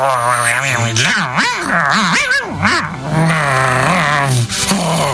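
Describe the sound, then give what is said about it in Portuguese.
A human voice imitates a wolf growling and gnawing, producing loud, continuous guttural snarls with rising and falling pitch and rough chewing grunts for about five seconds. “Hai ali un lobo solado, ali, comendo.”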